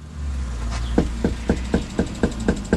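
A quick, steady series of about eight knocks on a front door in Yakima, in central Washington's farm country, made while canvassing door to door under a beating sun, over a low outdoor rumble like an engine.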